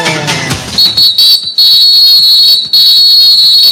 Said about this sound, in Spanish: El árbitro Fagani suena el pitazo y dice que el partido en la primera parte ya arrancó.